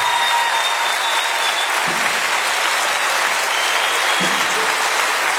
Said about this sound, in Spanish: Otro aplauso para estos tres.